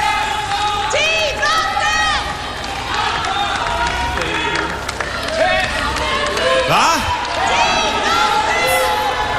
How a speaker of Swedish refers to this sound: Det är det här som är problemet. Jag hör ju fan inte vad folk säger. Alla skriker i mun på varandra. En i taget, nu!